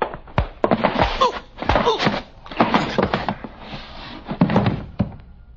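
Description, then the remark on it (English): A door is opened amid a series of solid thunks and rattling knocks, several bumps and clatters spread over a few seconds with no one speaking. “Open the door.”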